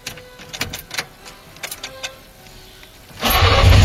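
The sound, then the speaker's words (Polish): An FSO Syrena car, a model presented in 1972, has its starter crank in a series of uneven, sputtering bursts, then the engine catches and roars into a loud, steady run. No one speaks. “To oczywiście syrena została, ten cud techniki został zaprezentowany światu w 1972 czyli roku.”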